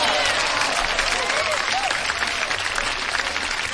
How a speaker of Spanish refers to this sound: Un aplauso, qué padre, ¿no?